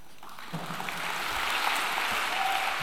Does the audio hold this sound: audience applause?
yes